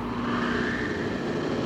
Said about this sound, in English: Progress is the sound of a motor, the hum of a turbine,